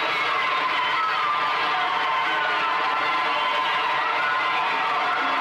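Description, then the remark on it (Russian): A theatre auditorium full of children applauds steadily as the curtain opens, a dense, continuous wash of clapping mixed with excited shouts and cheers, loud and sustained throughout with no pauses. “Зрительный зал полон детей. Дети хлопают.”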